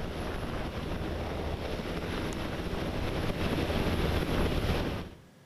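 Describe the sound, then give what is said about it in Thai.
A royal helicopter's engine and rotors make a loud, steady, wind-like roar that holds for about five seconds before cutting off abruptly, as it carries the Thai King on a royal visit to Kalasin Province, Thailand. No voices are heard. “ก่อนจะประทับเฮลิคอปเตอร์พระที่นั่งเสด็จพระราชดำเนินไปทรงปฏิบัติพระราชกรณียกิจที่จังหวัดกาฬสินธุ”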